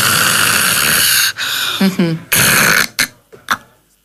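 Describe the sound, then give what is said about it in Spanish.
A voice imitates a person snoring with sleep apnea: a long, raspy rumbling inhale, a short voiced grunt, then another harsh snore, trailing off into a few quieter snorts and breaths. “Entonces, vamos a imaginar que estamos roncando.”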